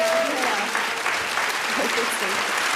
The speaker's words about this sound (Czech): Festo je, tleskají i oba pánové.